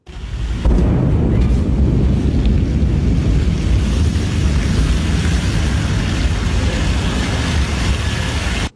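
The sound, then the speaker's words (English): A Blue Origin New Glenn rocket explodes into a fireball during a late-night US launch pad test, with a sudden loud boom that swells into a continuous, heavy, low rumbling roar, sustained for several seconds at steady loudness with no voices, shaking nearby homes. “A Blue Origin rocket has exploded into a fireball during a late-night US launch pad test, shaking nearby homes.”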